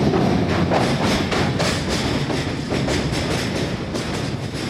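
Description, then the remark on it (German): A Rocky Mountaineer passenger train slows down at a particularly scenic spot so guests can take photos, rolling along the tracks at low speed, its wheels clacking in a steady, unhurried rhythm over a constant rumbling drone, fairly loud with no voices. “Wir verlangsamen den Zug an solchen besonders eindrucksvollen Stellen.”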